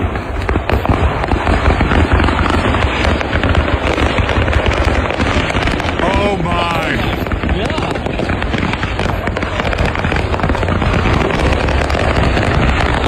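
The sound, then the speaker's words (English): A truck loaded with fireworks burns on an interstate in Tennessee. Its fireworks explode all at once in a dense, continuous barrage, crackling and booming without pause, loud and chaotic with faint whistling streaks. “Because a truck chock full of fireworks was in flames, and the whole thing was going off all at once right there on the interstate in Tennessee.”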